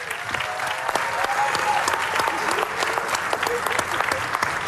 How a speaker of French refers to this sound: que vous pouvez applaudir bien fort aussi, évidemment.